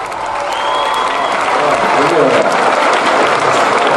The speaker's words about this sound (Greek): Εσείς χειροκροτάτε.